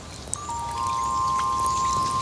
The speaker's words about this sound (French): La pluie tombe doucement sur la terre.